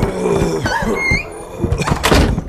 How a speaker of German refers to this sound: Auf einmal ging die Tür auf und ihre beiden Meloks kamen, ein wenig zerzaust, hereingestolpert.